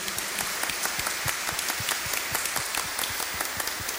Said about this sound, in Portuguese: Uma salva de palmas bem bonito, a imagem de Nossa Senhora do Caravaggio.